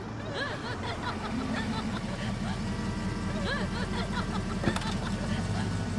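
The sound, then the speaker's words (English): A car engine rumbles low and steady as a car pulls up, with voices and a bit of chuckling over the idling motor. “Your car, sir.”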